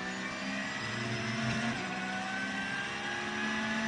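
The Losch Motorsport Porsche race car, an SP9 class car running fifth overall in a race, roars steadily for about four seconds, a loud buzzing drone with layered tones that bend slightly midway as it passes. No voices.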